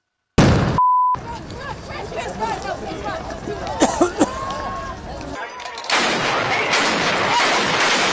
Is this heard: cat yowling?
no